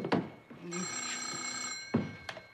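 A telephone rings once with a steady, bright, buzzing tone lasting just over a second, framed by a few short thumps before and after.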